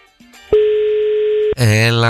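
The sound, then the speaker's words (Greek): One steady, loud ringback tone of an outgoing phone call to a listener sounds for about a second, then cuts off as a voice starts talking right after. “Πρέπει να πούμε ότι αν δεν το σηκώσει, πάμε κατευθείαν στον επόμενο.”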